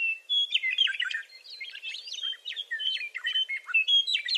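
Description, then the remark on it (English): A western meadowlark sings a continuous run of bright, fluting, warbled phrases, clear, with no voices or other noise beneath the song. “Over time, Inslee grew to love the meadowlark's song, not only for its melody, but for how it connected him to the natural world.”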